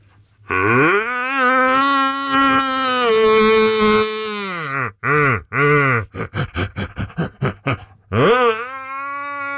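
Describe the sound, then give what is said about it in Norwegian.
A man imitates a red deer's rutting roar: one long, low, droning bellow, a few shorter roars, then a quick run of about ten grunting barks before a final roar. “Du, vi må få litt helt til slutt her, få litt skikkelig hjortebrøl igjen fra deg.”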